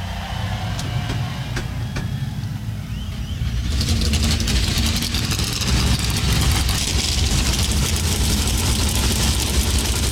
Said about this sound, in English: Darlington Raceway, here to fire engines with the most famous words in motorsports. Please welcome current and two-time NASCAR U Series champion and professional shake tester, Rue Reeves. God bless American drivers, start your engines!